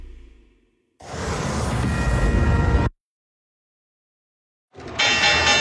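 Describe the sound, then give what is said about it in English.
A stock exchange opening bell rings loudly amid a dense wash of trading-floor noise, cutting off abruptly, then sounding again after a short silence. “The opening bell is brought to you by Guarding Your Nest Egg with Mike Lester.”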